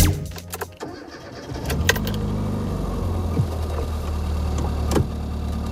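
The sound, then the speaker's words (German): A car engine cranks and catches with a few sharp clicks and rattles, then settles into a steady, low idling rumble, with no talking; the car is on its way to Calais, to the ferry to Dover. “Ich sitze in meinem Auto, bin auf dem Weg nach Calais, zur Fähre nach Dover.”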